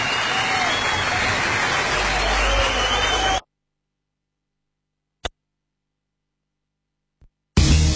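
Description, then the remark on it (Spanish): Loud, dense applause from a crowd for Gustavo Santaolalla fills about three seconds, then cuts off abruptly into silence broken by a sharp click, before another loud burst begins at the very end. “Un fuerte aplauso para Gustavo Santaolalla, que tiene mucho que ver con esto.”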